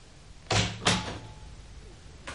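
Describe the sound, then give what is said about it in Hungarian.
An office door opens as someone enters, with two quick, fairly loud clunks a moment apart, followed by a quiet stretch with a faint low hum and no one speaking. “Feje felett a falról Sándor király nézett barátságtalanul az ajtóra és az ajtón belépőkre.”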